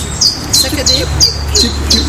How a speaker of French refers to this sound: Alors, vous entendez un nouvel oiseau. Très facile à décrire.